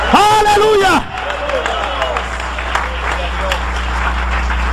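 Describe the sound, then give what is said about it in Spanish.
A loud voice calls out briefly, then an audience breaks into sustained applause for the Lamb of God, a dense wash of clapping with scattered cheers that continues steadily to the end. “Dale un aplauso de poder al Cordero de Dios.”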